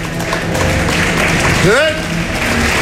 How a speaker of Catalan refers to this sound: El públic es posa a aplaudir i els actors surten fins davant de l'escenari per fer-li una reverència.